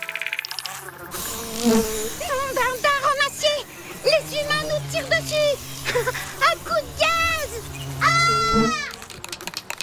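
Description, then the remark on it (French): Wasps buzz loudly, their droning hum rising and falling in pitch in repeated bursts, with several insects overlapping throughout, as a neighbour sprays insecticide from an aerosol can onto them. “Il asperge le produit sur les guêpes.”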